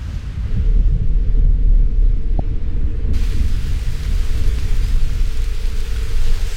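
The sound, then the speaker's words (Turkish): Heavy rain pours steadily with a deep, continuous rumbling roar beneath it, a dense stormy wash that fills the whole scene without pause, heard from under a small shelter in the Himalayas. “Kendime yağmurdan saklanacak bir yer buldum. Dışarıda berbat bir hava var.”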